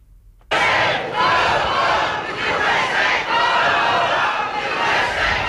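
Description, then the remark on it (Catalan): A large protest crowd of hundreds in Nuuk, the capital of Greenland, shouts against the United States and Donald Trump's aspirations for the island, in a loud, dense roar that starts abruptly and holds steady, with rising and falling waves of many voices chanting and yelling. “Amb crits contra els Estats Units, centenars de persones s'han manifestat a Nuuk, la capital de Groenlàndia, per mostrar el seu rebuig a les aspiracions de Donald Trump sobre l'illa.”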